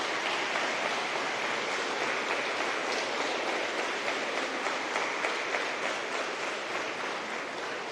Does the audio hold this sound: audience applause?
yes